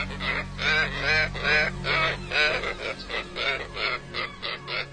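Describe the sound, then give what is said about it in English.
Water birds honk over and over in a loud, steady series of harsh, nasal calls, overlapping slightly, with no voices present. “There's water birds, there's scarlet ibis, there's egrets that follow the cows around in the field.”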